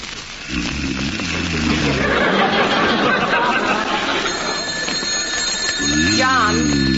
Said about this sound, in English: John, the telephone. The telephone, answer it. Hello. Go to the phone and answer it. Hello. Who's calling at 3 o'clock in the morning?